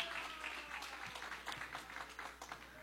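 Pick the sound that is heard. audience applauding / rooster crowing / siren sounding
audience applauding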